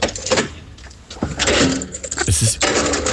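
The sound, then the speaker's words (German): A heavy underground garage door is unlocked with metallic clicks and rattling, then swings and falls shut with a loud bang near the end. “das war das Geräusch der Tiefgaragentüre beim Aufsperren und wie sie wieder zufällt”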